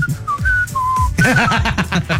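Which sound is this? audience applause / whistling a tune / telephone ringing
whistling a tune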